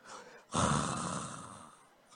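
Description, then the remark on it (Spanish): A single long, raspy snore imitated by a voice, portraying Jesus asleep in the bow of a boat during a storm: a loud breathy rattle that lasts over a second before fading, with no talking. “Cuando llegan donde Jesús, oyen el ruido, y cuando llegan, Jesús roncando.”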